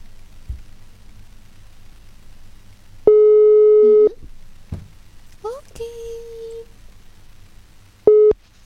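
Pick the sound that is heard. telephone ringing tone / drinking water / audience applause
telephone ringing tone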